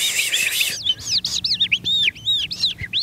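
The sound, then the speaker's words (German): An animal-voice imitator whistles and trills with the mouth, imitating a skylark's song: a rapid, continuous stream of high chirps, rising and falling warbles, fairly loud with no talking. “Zum Beispiel diese Feldlerche hier stammt aus dem Mund von einem Tierstimmenimitator.”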